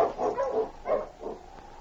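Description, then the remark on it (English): A husky sled-dog team pulling Sergeant Preston's sled barks and yips in a quick cluster of short, sharp calls as it is turned around and hurried along a back trail. Two more spaced barks follow, clear, with no one speaking. “His heart was heavy with concern as he turned the dogs around and hurried them along the back trail, looking back over his shoulder periodically at Sergeant Preston slumped in the sled.”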